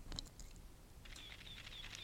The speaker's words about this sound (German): Gerade hatten wir schon das Geräusch einer analogen Schreibmaschine und auch das Geräusch, wenn eine Kamera Klick macht. Das ist heute nicht mehr so sehr verbreitet. Das ging ungefähr dann so.